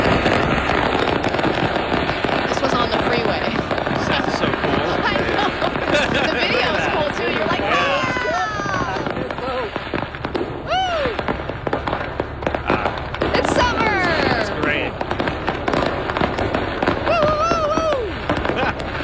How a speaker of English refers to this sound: it's a hazard, and you want to make sure everyone's safe, but you also want to make sure you're enjoying the fireworks while they're exploding.